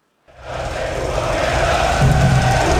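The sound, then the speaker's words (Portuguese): A large crowd of home soccer fans in Toronto, Canada, at the Canadian national team's opening match, roars and chants together, a dense wall of voices that swells quickly from silence and stays loud and sustained throughout. “E se houve empate dentro de campo, fora de campo, o ambiente começou cedo aqui em Toronto com muita festa da torcida da casa”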